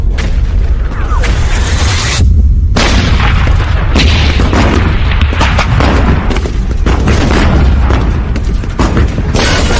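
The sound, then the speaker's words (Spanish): Field artillery firing in a loud, relentless barrage, heavy booms and sharp blasts overlapping one after another with a constant low rumble underneath and no pauses. “No sé cuántas balas dispara la artillería de campo.”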